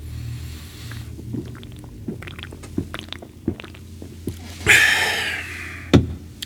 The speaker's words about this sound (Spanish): Déjame tomar una, un traguito para... esta chingada rasperme.